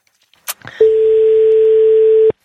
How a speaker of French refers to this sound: Première sonnerie. Deuxième sonnerie.